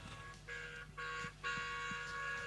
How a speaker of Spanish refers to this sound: Bocinazo, no sé de... ese, porque hay varios bocinazos. No sé de quién será ese, pero le agradecemos.